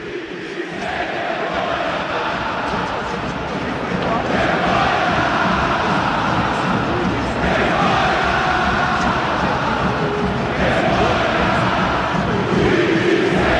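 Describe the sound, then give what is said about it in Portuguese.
A huge crowd in the Maracanã stadium roars steadily throughout, rising into loud rhythmic chanting of "time sem vergonha" in repeated waves, with jeering and booing as the team and coach Zubeldía leave the pitch, woven into the dense, continuous noise. “Time sem vergonha está sendo equado por todo o Maracanã, tá? Setor leste, setor oeste, setor sul, vaias novamente na saída do time.”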